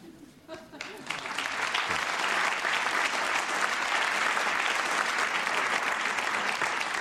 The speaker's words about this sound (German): Wir wenden uns ab von diesem sympathischen Applaus aus dem Münchner Volkstheater, weil ich eine Art Zwischenansage machen möchte.